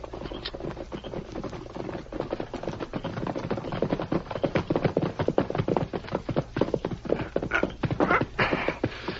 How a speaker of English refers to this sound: There's a horse coming, Sheriff. Masked Man, you're right. Sure is.